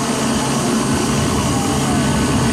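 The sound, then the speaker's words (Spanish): A helicopter roars steadily overhead, transporting a prisoner under heavy guard from a prison in Santa Elena to a clinic in Guayaquil, its loud, constant engine and rotor noise filling the entire stretch with dense, rumbling wash and no pauses. “El movimiento se realizó en helicóptero y bajo fuerte custodia por una condición médica relacionada a la vesícula.”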